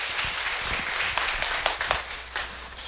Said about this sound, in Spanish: Fuerte aplauso a la palabra de Dios que nos regala el Señor en este día.